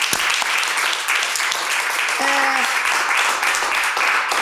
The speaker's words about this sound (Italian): Allora, applauso, sì, applauso.